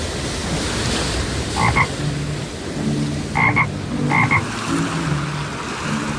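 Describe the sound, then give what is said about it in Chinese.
A toad croaks in short double bursts, three times, clear over a steady wash of rushing floodwater and surf that fills the background. “达海这次被变成了一只蛤蟆，他在湍急的水中一下子被淹没，一下子又浮起来”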